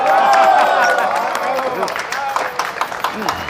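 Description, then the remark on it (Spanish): An audience breaks into applause for a poet, a dense patter of many hands clapping, with raised voices and cheering over it at the start before the clapping carries on steadily. “¡Un aplauso, por favor!”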